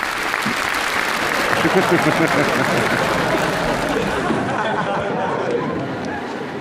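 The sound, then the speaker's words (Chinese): An audience breaks into sustained applause, a dense wash of clapping that holds steady for several seconds with a murmur of crowd chatter mixed in, tapering slightly at the end. “这还鼓掌，这有什么可鼓掌的？”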